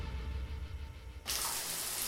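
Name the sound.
shower water running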